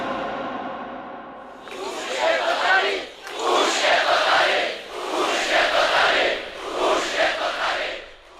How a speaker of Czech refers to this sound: Ještě se jásá v průvodech. Ako vlny na mori, ako příboj.